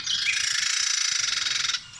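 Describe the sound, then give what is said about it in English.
A Carolina wren gives a harsh, buzzy agitated call, a fast rasping rattle lasting under two seconds, fairly loud, then cutting off abruptly. “That is a Carolina Wren as well.”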